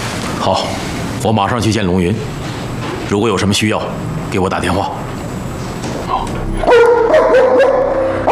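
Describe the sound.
A dog brought in to frighten people barks in several short, loud bursts, then lets out a high, drawn-out whimper toward the end, with people talking.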